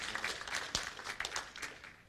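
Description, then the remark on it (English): A church audience claps their hands for God in a dense, steady patter of overlapping claps, with one sharper clap standing out early on. No one speaks over it. “That's okay to give him a hand clap, amen?”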